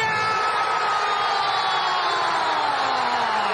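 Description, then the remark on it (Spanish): A massive stadium crowd roars and cheers without pause during a penalty shootout in which Morocco beat the Netherlands, a loud, dense wall of shouting and whistling that holds steady for the whole few seconds, with thin tones gliding through the din. “Grita Marruecos, pero también se basa en su fe, en su fútbol.”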